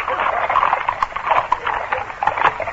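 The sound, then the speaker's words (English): Several horses' hooves clatter on a hard road in a quick, steady clip-clop rhythm, fairly loud, with no talking, as four men spur their horses into the middle of the road beside a post house to stop passing carriages. “A moment later, the carriages were abreast of the post house and the four men assigned to stop them spurred their horses into the middle of the road.”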